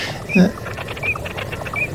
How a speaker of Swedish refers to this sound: Och har vi inte dvärgbeckasinen? Ja, det är bakgrunden.